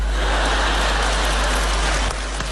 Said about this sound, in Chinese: 对你的掌声鼓励呀、啊，这是。 不对，不对，不对，不对，这一鼓掌，这里头有事儿。